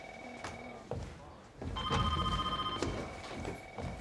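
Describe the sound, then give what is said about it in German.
A telephone rings in two long bursts of shrill, trilling electronic tone with a brief gap between them, over murmured voices and low background rumble. “An das, was klingelt.”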